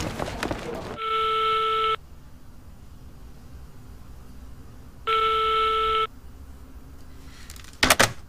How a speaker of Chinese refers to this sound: 打了这么多遍，还是没有人接呀、啊？